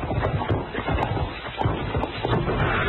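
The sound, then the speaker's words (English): Horse hooves clip-clop in a fairly steady rhythm over a dense, rumbling background, the hoofbeats coming as a run of sharp knocks with no voices. “He jumped off his horse and ran behind that piece of down timber.”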